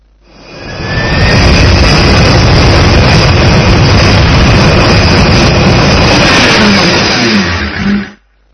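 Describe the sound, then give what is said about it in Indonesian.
A loud, sustained airplane jet engine roar swells in over the first second, holds steady at full force with a hissing high-end whine, then cuts off abruptly near the end. No one speaks. “Seperti bus, Kita bisa pergi ke luar kota dengan pesawat terbang. Bahkan lebih cepat, karena kita terbang di udara.”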